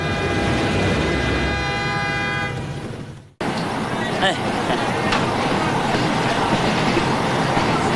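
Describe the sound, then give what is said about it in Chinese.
A train's horn blares steadily for a few seconds, then cuts off into a loud, continuous rumble of wheels and engine as the train rolls along, part of Yuan Longping's journey south from Changsha to Sanya, Hainan, Guangzhou and Yunnan. “从长沙到三亚到海南、广州到云南，虎吃、汽车、牛吃。”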